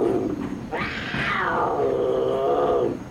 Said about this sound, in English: You know, last trip, a mountain lion showed up right over that tunnel. There's one now. So you better all be real quiet.